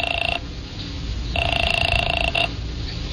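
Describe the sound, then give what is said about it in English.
A telephone rings in two steady electronic bursts, a short one and then a longer one, as a call is placed from a woman's phone, over a low rumbling background. No one speaks. “I used her phone and called Wanda.”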